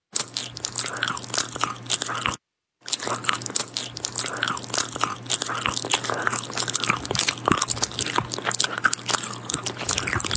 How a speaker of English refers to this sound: Is playing 10 seconds of a chewing sound a war crime? I think, and some people probably think it is. But it can be a source of great animosity for people when that sound is amplified.